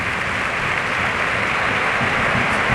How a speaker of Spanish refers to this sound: Ahí. Ovación para Raúl, de la Cartuja.